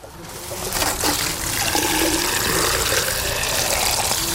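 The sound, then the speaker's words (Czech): A steady rush of drinking tap water pouring out continuously as plants are watered in the Na konci světa allotment garden colony in the Královo Pole district of Brno, swelling in the first second and then holding at an even level with no voices. “Mezitím zalévají pitnou vodou a hledají způsoby, jak s ní co nejvíce šetřit.”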